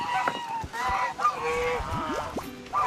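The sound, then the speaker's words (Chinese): Several geese, part of a goose team hired out for photo shoots, honk loudly and repeatedly, their harsh, nasal calls overlapping in a noisy, continuous chorus. “鹅姐自不必说，是团队的经纪人，负责为大鹅们招揽生意，维持拍摄秩序。”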